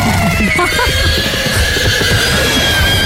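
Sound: horse neighing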